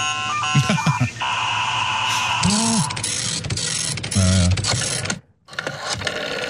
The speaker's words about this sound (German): Modem, Nadeldrucker, Telefon, Wählscheibe, die waren alle mal hochmodern.